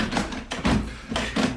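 Mr Pinner knocks on a door: several firm knocks land in an uneven rhythm, moderately loud, with brief pauses between the thuds and no voices.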